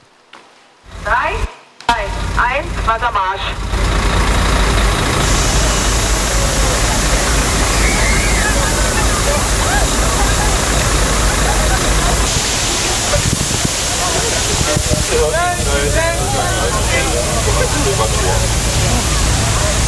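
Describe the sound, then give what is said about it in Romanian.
A police water cannon in Berlin sprays water to cool pedestrians in hot weather: a loud, steady rushing hiss that starts after a couple of seconds and holds throughout, with scattered voices faintly audible beneath the spray. “La Berlin a făcut asta chiar poliția cu tunurile pe care le folosește de regulă la proteste.”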